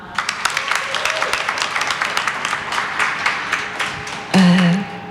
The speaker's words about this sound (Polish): I dla panów z BHP też dodatkowe brawa.